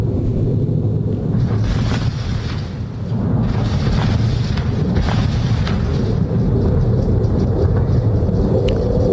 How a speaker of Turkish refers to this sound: Amerika Birleşik Devletleri gece saatlerinde bir kez daha İran'a hedef aldı. Bandar Abbas limanı vuruldu. Burada bir drone tesisi vuruldu. O saldırının füzelerin fırlatıldığı anları hemen bakalım.